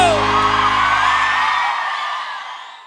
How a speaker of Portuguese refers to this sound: gostou, dá um grito!